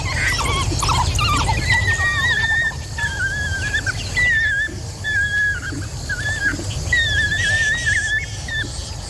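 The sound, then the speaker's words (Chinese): A chorus of high, bird-like squeals and twittering calls from African wild dogs feeding and sharing food by rank repeats in short bursts, overlapping, over a steady low rumble and background noise, with no one speaking. “非洲野犬会按等级分配食物，保证群体中的成员都有份，即便在如此艰难的时期也是如此。”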